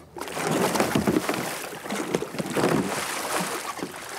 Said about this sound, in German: Eines der wichtigsten Rettungstools in der Kajakszene ist die Kajakrolle oder Eskimo-Rolle. Das heißt, wenn man umkippt, eine Welle kommt, die stößt dann einfach weg, dass man dann sicher wieder hochkommt. Ungefähr so.